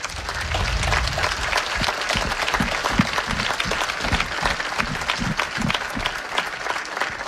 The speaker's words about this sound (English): Please stand and join me in applause as we thank those who protect our freedom.